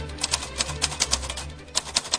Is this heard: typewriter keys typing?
yes